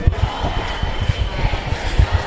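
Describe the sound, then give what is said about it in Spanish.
A crowd shouting outside at a protest, chanting 'fascists out of our neighbourhoods', a dense, muffled roar of many voices with rough rhythmic bursts, fairly loud and steady throughout, with no single clear voice standing out. “Parece que está habiendo alguna provocación más, están gritando la peña fuera.”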